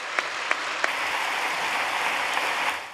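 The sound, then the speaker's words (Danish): An audience at a political party's annual meeting claps steadily throughout after a new vice chair is elected, a dense wash of hand claps with a few sharper claps standing out early on, holding even loudness before tapering slightly at the end. No one speaks. “Jeg tager klapsalverne som udtryk for, at jeg godt kan konstatere, at I forvalt har valgt Christina som næstformand.”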